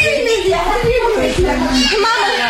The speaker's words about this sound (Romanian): Bunuță, bunuță, plânge copilul.